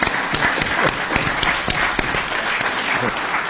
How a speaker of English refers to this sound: So I think we should give him a round of applause.